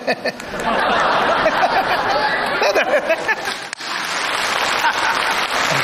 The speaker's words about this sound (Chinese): 哎呀，你算说对了， 给他鼓掌的都是年轻人，是吧？